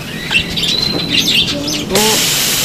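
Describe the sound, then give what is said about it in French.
Parakeets in an aviary chatter and squawk as they are given a shower, in a busy cluster of shrill, overlapping calls, before a steady hissing rush of noise takes over near the end. “Premier aspect, montrer aux enfants, faire prendre une douche aux perruches dans la volière.”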